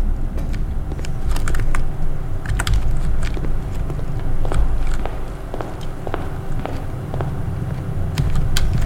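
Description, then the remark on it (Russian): Steady footsteps crunch along at an irregular walking pace as someone walks to a workshop, with a constant low rumble of wind or traffic underneath the whole time. “Так, ну чё, прогуляемся до воркшопа.”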